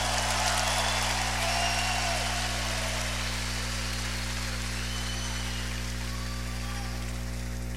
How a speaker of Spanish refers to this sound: Un aplauso a ese Dios hermoso.